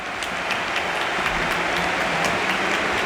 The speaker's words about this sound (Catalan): Aplaudeix el públic dret acomiadant Rafinha, que també retorna els aplaudiments.